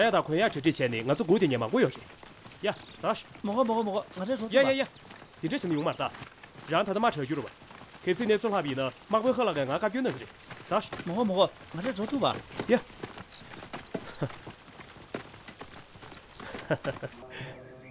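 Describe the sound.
Horse hooves clip-clop in a steady rhythm as a cart rolls along, fairly loud, with people talking over the sound for most of the time.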